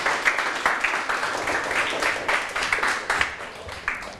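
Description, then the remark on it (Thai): Students in a classroom clap together for all four groups after a class activity, a dense patter of many hands that keeps going steadily for a few seconds, moderately loud, with no one speaking over it. “ปรบมือให้ทั้ง4กลุ่มเลยครับ”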